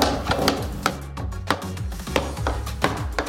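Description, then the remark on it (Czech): Sharp, irregular cracks and pops from wooden barrel staves heated by a fire burning inside the barrel as it is gradually bent into shape. Crisp snapping bursts break through a steady low rumble, with no voices. “Uvnitř je plamen, tam je ohniště a postupně se to ohýbá. Slyšíme praskání, ano?”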